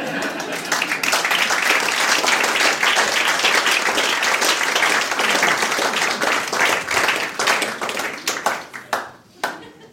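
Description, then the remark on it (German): A crowd applauds steadily, dense clapping continuing for several seconds before thinning out into a few scattered claps at the end. “Wenn Sie nichts anderes zum Tun haben, können Sie an der Stelle mal klatschen.”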